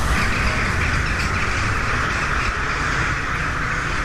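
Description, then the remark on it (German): A dense, continuous chorus of many crows calling outdoors in the garden of Husum Castle in Germany while a piano concert is held inside, harsh overlapping caws filling the whole stretch at a steady, fairly loud level with no pauses and no talking. “Draußen schwirren im Schlossgarten die Krähen und stimmen auf ihre Weise in das Konzert im Husumer Schloss ein.”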